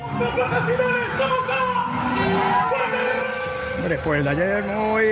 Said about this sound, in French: Alors après avoir rencontré le roi et le premier ministre espagnol, l'équipe déambule à bord d'un bus à Imperial à travers la capitale pour saluer des supporters qui sont vraiment aux anges.